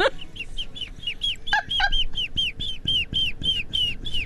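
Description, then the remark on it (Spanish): A voice imitates a chick's peeping: a rapid, steady series of high, thin peeps, about three per second, clear over a low background rumble. “Está medio averiado el pollito este.”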